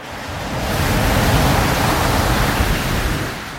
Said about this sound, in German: Das Rauschen und der Geruch des Meeres zogen mich magisch an. Die heranrollenden Wellen wirkten als beruhigender Klangteppich.